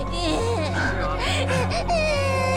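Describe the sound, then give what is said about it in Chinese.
A baby cries and whimpers in wavering, drawn-out wails over a steady low pulsing hum in the background. “不哭啊，乖。”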